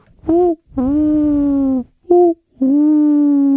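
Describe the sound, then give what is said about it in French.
An owl hoots at night in two pairs, each a short call followed by a longer, drawn-out hoo. The calls are loud, clear and mid-pitched, with no talking. “Et sur son coussin, Miaou Mia entend des ululements.”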